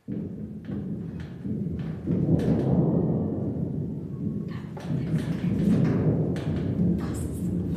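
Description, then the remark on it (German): A voice imitates distant thunder with a low, continuous rumble lasting about eight seconds. It swells slightly twice along the way and stays fairly soft and steady. “Ich kann zum Beispiel ein ganz entferntes Gewittergrollen nur machen.”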